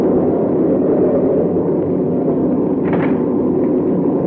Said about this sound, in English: That must be the plane. Nobody else would be taking off in weather like this.